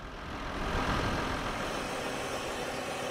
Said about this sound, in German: So, jetzt darf ich mal einen solchen Kartoffelroder, genauer den Trecker, und hinter mir ist dann der Kartoffelroder dran, selbst fahren.